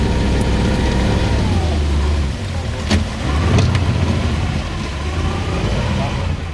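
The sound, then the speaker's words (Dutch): A boat motor drones loud throughout on the bayou, a steady low rumble mixed with rushing wind and water noise, broken by a couple of brief clanks midway. “Stop the motor.”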